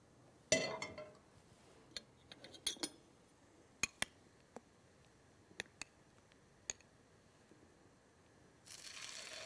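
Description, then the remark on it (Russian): Gluten-free fritters frying in a covered pan with little oil: a soft, steady sizzle broken by sharp, irregular pops and crackles, with a brief swell of louder hiss at the end. No one speaks. “Слышите, как красиво жарится? Какой прекрасный звук.”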